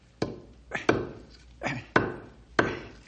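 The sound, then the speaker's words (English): A knife whittling wood: about six crisp cutting strokes, each softer shaving sound followed by a sharper woody crack, at an uneven rhythm with no talking. “Gotta whittle this down a bit.”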